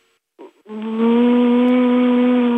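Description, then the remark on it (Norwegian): A person imitates a car engine with a loud, sustained buzzing hum that starts after a brief sputter and holds steady, rising slightly in pitch. “Ja, føler du selv at du er bilen der?”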